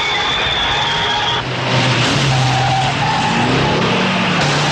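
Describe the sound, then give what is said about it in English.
Loud, continuous roar of race car engines on a track with tires squealing and skidding as drivers steer hard during a chase, pitch sliding up and down as cars swerve, dense and unbroken throughout. “Other drivers steer hard to navigate the chase amid the race.”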